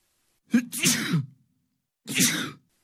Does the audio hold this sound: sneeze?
yes